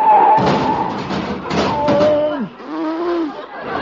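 A car collision as the driver misses a signal change and runs into the car in front, breaking a headlight: two sharp, crunching impacts about a second apart, laced with pitched, wavering tones that slide downward and then rise and fall again as the noise settles.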